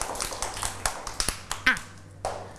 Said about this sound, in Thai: ปรบมือให้เพื่อนด้วย